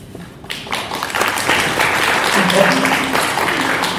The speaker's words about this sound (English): So I think that deserves a clap.